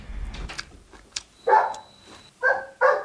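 A golden retriever named Ping'an barks three times, loud, with a short gap before the last two quicker barks, over faint background noise and a thin steady tone.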